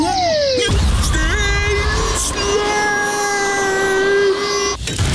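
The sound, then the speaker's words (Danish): A sharp crack of a small stone striking a car windshield, heard from inside over a steady humming car drone, with a couple of fainter clicks later. “Stenslag.”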